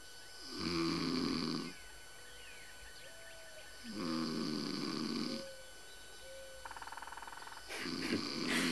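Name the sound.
man snoring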